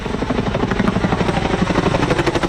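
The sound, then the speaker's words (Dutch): A Chinook helicopter with a large water bag, deployed to fight a 21-hectare fire in a pine forest nature area in northern Limburg, roars, its twin rotors producing a loud, rapid, continuous thudding over a dense engine rumble, with no voices heard. “Onder meer Chinook-helikopters met grote waterzakken werden ingezet.”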